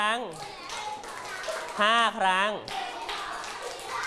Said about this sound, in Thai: ถูกต้องมาไปเด็กๆจ๋าปรบมือ